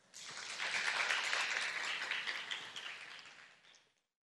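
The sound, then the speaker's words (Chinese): A crowd applauds steadily at a school opening ceremony, thanking Venerable Master Yuande and all attending guests for their teachings and blessings: a dense wash of many hands clapping at once that holds for a few seconds, then gradually thins and fades out. No one speaks over it. “让我们再次以最热烈的掌声感谢圆德法师与所有与会贵宾的开示与祝福。”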